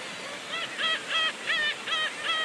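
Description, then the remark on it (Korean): A black-tailed gull at a breeding colony on Yongteurim Rock, Baengnyeongdo island, gives a steady series of about six nasal, honking calls in quick rhythm, fairly loud over a constant hiss of colony and wind noise. “예, 백령도의 갱이갈매기 번식지가 이렇게 큰 지역이 이렇게 몇 군데 있는데 그중에 네.”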